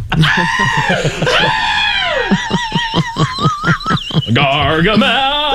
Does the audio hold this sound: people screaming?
yes